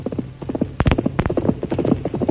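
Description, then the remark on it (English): Rapid hoofbeats of Silver, the Lone Ranger's horse, approaching in the distance, pound in a steady galloping rhythm, a continuous run of sharp, thudding clops that hold loud throughout, with no voices over them. “Then the day after that, Tonto jumped to his feet as the thunder of Silver's approaching hoofs could be heard in the distance.”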